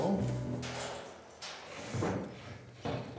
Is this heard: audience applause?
no